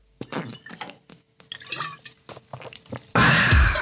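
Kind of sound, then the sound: food or drink, drinking water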